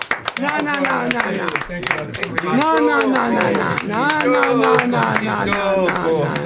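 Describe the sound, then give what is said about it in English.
A small group of band members claps steadily, applauding themselves during a farewell on Resonance 104.4 FM radio, the rapid claps running throughout while several voices talk, cheer and call out over the applause. “You don't need to applaud yourselves.”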